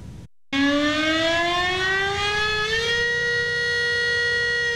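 A loud civil defense warning siren blares steadily, its tone slowly rising in pitch and then holding level after a brief silent start, with no voices present. It sounds at noon on the 27th as the Wanli River barrier lake in Hualien is raised to a red alert and residents evacuate.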